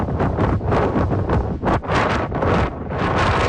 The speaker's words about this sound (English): That was near Elgin as that windstorm blew across the southern part of the province. Deloraine clocked the strongest gusts at 119 kilometers an hour.